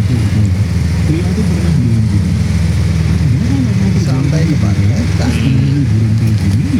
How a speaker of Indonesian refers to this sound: Selamat datang dari Simpang Bawen. Ini karena banyaknya apa? Bus-bus wisata yang menuju ke kabupaten ini Mas kelihatannya.